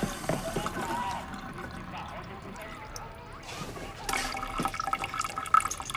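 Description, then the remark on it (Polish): Steady running water hisses and splashes like a shower, with broad continuous spray and occasional louder gushes and drips. “I musiała wziąć prysznic.”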